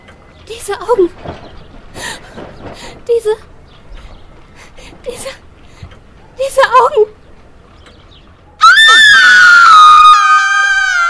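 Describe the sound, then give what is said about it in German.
A woman speaks quietly for several seconds, then a sudden, loud, high-pitched scream breaks in, piercing and sustained, wavering downward in pitch as it continues to the end. “Der Schrei meiner Schwester riss mich aus dem Schlaf.”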